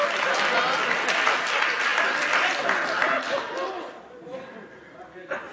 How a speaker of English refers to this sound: Y'all scared to clap now.